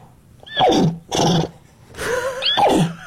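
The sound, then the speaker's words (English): A woman wearing a horse head imitates a horse neighing in four loud bursts, each a strained whinny with sweeping pitch and breathy edges, separated by brief pauses. “Speaking horse language, which she calls nay.”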